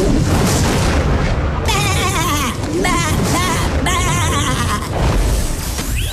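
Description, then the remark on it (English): A sheep bleats in several wavering, drawn-out cries in place of a famous movie line, over a loud, booming orchestral movie soundtrack with heavy rumbling low end. “You're going to hear a sheep replacing a very famous movie quote.”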